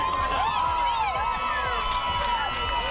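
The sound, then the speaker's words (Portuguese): A large crowd in Monforte, Galicia, erupts in excited shouting and cheering at an exciting moment, many voices overlapping loudly and continuously, with a steady wash of applause underneath for the whole stretch. “a resposta común a ese momento tan emocionante, a esa primeira das dúas noites que vivimos nas últimas horas, foi recibir entre aplausos e moitos berros de emoción como estes en Monforte.”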